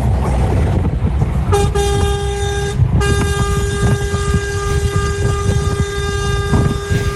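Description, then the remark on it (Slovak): A loud, sustained horn of a big truck blares at six in the morning in long continuous blasts with a brief break, its harmonic tone steady over a rumbling engine-like background, with no one speaking. “Samozrejme, pridal aj fotku kokpitu veľkého, obrovského kamionu.”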